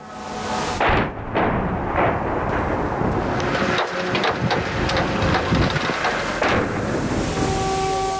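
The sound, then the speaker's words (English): Russian missiles and drones striking Kyiv, Ukraine, overnight: heavy explosive blasts boom out of a constant loud, rumbling roar, with sharp bursts standing out near the start and again later. No one speaks. “The sound of missiles and drones striking Kyiv overnight.”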